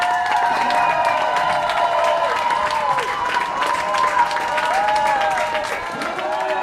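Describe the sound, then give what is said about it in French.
A sustained wash of intense applause and cheering from a large crowd at Geneva airport welcoming back Swiss activists from the Gaza flotilla, steady and loud throughout, with high whoops and excited voices rising over the clapping. “Des larmes de joie et d'intenses applaudissements, vous les entendez.”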